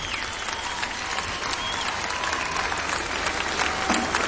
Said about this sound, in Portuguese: Peço-vos uma grande salva de palmas. Boa noite. Vamos ao concerto.